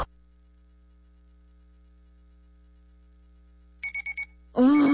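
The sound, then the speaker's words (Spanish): After a long quiet stretch, a Monday-morning wake-up alarm gives four quick, bright electronic beeps in a row, followed immediately by a louder voice cutting in. “Me quiero levantar. ¡Ay, cómo odio los lunes! ¡Pero qué buena alarma tengo!”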